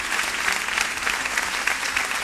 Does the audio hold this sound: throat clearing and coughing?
no